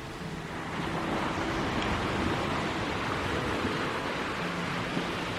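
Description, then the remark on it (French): A steady, broad roar of surf washing against the shore of the Ostmack beach at night, heard from behind granite walls, continuous and fairly loud throughout, with no distinct pauses between waves and no voices. “La nuit, il faisait bon écouter le ressac à l'abri des murs de granit.”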